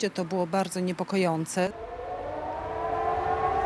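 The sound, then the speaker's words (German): A voice speaks briefly, then a civil defense air raid siren in Warsaw, Poland, sounding as part of a test series this week, takes over, a loud sustained wail holding a steady pitch that creeps slightly upward for the remaining seconds. “Diese Woche in Warschau mehrfach Alarm, aber Teil einer Testserie.”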